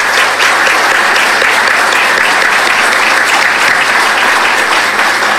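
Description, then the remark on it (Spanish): An audience applauds council members and officials, clapping steadily for several seconds in a dense, loud wash of applause from start to finish without any voices standing out. “Un fuerte aplauso, por favor, para ellos.”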